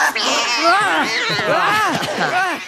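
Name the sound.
kittens meowing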